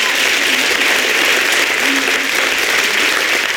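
Steady, dense applause from an audience for a poet at a poetry competition evening, a continuous loud wash of clapping that holds evenly for several seconds without any speech on top.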